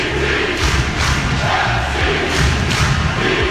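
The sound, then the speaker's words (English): A large stadium crowd of Portland Timbers soccer supporters, the Timbers Army, chants and cheers together in Portland, a loud, dense roar with rhythmic surges and low thumping beats pulsing through it. “things we love about Portland. Number 14, the Timbers Army.”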